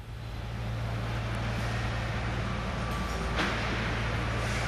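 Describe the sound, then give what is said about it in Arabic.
Steady industrial hum of the production line inside the Ceer electric car factory in King Abdullah Economic City, a constant low machine drone under broad whooshing noise, with one brief sharp burst partway through. No one speaks. “نتحدث تحديدا من داخل خط الانتاج لمصنع سير للسيارات.”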